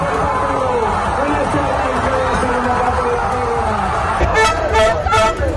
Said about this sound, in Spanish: Pese a la superioridad española, los últimos minutos del partido trajeron mucha tensión, por lo que tras el pitido final se vivieron auténticas explosiones de gozo como la que se vivía en el pabellón de San Pablo, en Sevilla.